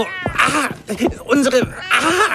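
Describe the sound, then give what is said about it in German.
A white cat meows several times in quick succession, fairly loud, with drawn-out, wavering cries and short pauses between them. “weiße Kita-Katze für ihren Schoß.”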